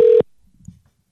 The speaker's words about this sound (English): All right, let's see if this works. It's ringing.